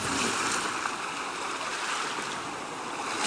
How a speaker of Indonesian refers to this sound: Kenapa arus laut kencang sekali? Guru bisa mati terbawa arus ini.